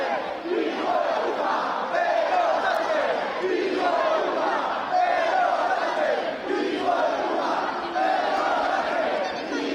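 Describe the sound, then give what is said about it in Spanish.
A large crowd of protesters at Sol shouts and chants insults at the president of the government, including 'Ceuta no se vende, Ceuta se defiende', in continuous, rhythmic bursts of angry yelling that rise and fall across the whole stretch, loud and dense with overlapping voices. “Escuchan los insultos al presidente del gobierno que también se han repetido esta mañana cuando ha llegado al desfile militar justo antes de que empezara.”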